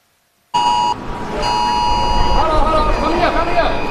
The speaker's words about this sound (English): Air raid sirens are going off. Streets are being evacuated. This is wild. It's like the apocalypse.